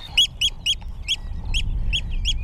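A Eurasian oystercatcher gives a rapid series of about seven shrill, piping calls, loud, over a low rumble of wind, on the salt meadows of the Hallig Nordstrandischmoor in June, with its nest nearby.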